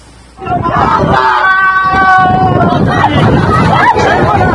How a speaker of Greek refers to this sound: Σκηνές αλλοφροσύνης και πανικού. Οι επιβάτες ουρλιάζουν καθώς προσπαθούν απεγνωσμένα να βγουν από το βυθισόμενο πλοίο.